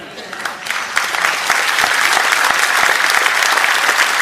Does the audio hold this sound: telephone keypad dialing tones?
no